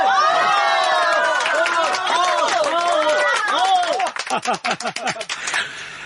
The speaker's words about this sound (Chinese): 现在啊，咱们有请村支书主婚讲话。大家鼓掌。